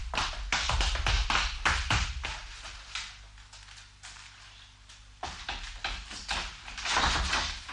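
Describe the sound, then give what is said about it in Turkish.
A hotel room door is opened amid a flurry of sharp taps and wooden knocks, which pause briefly before another burst of clattering handling noise. No one speaks. “Kapıyı açmanızı rica ediyorum madem.”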